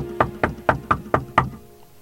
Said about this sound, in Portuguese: E ela orou 1 hora e meia até que bateram a porta do seu barraco. Aí ela parou de orar e escutou outra vez.